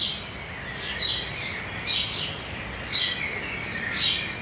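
A small bird sings short, high, chirping phrases in the morning, repeating about once a second over a steady hiss of background noise, with no voices.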